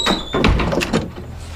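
A door is opened: a thin, high squeak is followed by a few loud clunks and a rattle before things settle, with no one talking.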